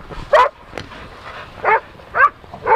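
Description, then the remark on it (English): Dogs being walked by the dog-walking firm Action Pack SF at Crissy Field in San Francisco; a dog barks four times in short, sharp, loud bursts at uneven intervals over faint outdoor background noise, with no one talking. “Action Pack SF walking dogs at Crissy Field in San Francisco.”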